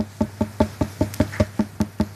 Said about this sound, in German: Was ist das? Ein Klopfen. Sie haben gut kombiniert, das ist ein Klopfen. Aber wer klopft da wo, woran und warum? Es sollte so ein heller, hohler Ton sein.